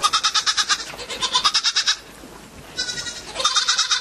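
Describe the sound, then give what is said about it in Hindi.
A goat bleats loudly in long, quavering, pulsing cries, pausing briefly before bleating again. No one speaks. It is a neighbour's goat grazing on a small patch of land in front of a house. “उसके मकान के सामने थोड़ी सी जमीन पड़ी हुई थी, पड़ोस के किसी आदमी की एक बकरी उसमें आकर चरा करती थी। इस समय भी वो चर रही थी।”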